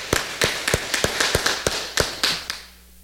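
A group claps together for about three seconds, a dense wash of hand claps with sharper individual slaps standing out, then it quickly dies away. No one speaks.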